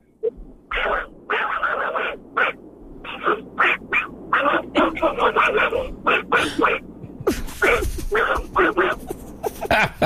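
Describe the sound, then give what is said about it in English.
A male caller's voice imitates Donald Duck, jabbering in raspy, buzzy quacking bursts that come in quick uneven runs for about ten seconds, loud and steady with brief gaps between phrases. “Donald Duck, let's hear it.”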